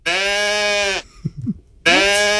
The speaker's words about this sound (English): Is that a sheep? It sounded like a sheep, but that actually was a pet goat. He did do that more of a meh than a bah.